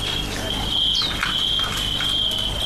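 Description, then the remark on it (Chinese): A cricket chirps in a steady, continuous high-pitched trill, fairly loud, over a low background rumble. A brief chirp-like sweep briefly joins in; no one speaks. “吴伯年退休前是天津大学附小的数学老师，玩蛐蛐也有70年了。”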